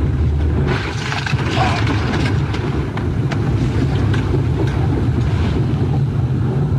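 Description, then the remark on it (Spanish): A loud, unbroken roar of rushing floodwater sweeping away a white pickup truck with its driver inside, powerful, with scattered sharp knocks and clatters over the churning flow and no voices. “Lo que podemos ver es cómo el agua va llevándolo con su camioneta de color blanco, solamente para reiterar cómo la fuerza con la que bajó el agua en esa zona.”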